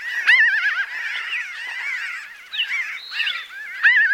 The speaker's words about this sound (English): Hopefully, with enough attention, research, and collaboration, those strange laughing calls will continue to echo into the future.